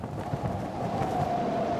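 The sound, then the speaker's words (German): Strong storm wind with gale-force gusts roars steadily in the Highlands, a dense rushing noise with heavy low rumble and buffeting against the microphone, with no voices. “Ungebremst dringt der Sturm in die Highlands vor.”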